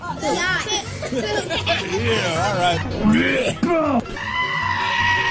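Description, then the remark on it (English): A person mimics a goat, letting out several loud, quavering bleats with wobbling pitch, while other voices chatter and call out in the background. “What does a goat sound like?”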